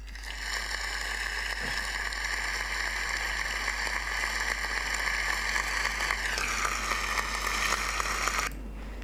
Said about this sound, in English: a round of applause for one answer